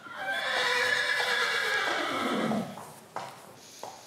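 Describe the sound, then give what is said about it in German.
A horse on the island of Föhr neighs in one long, loud whinny lasting over two seconds, its pitch sliding downward as it fades, followed by a couple of soft thuds like hooves. “Und er hatte es ja schon angedeutet, Föhr ist auch eine Pferdeinsel.”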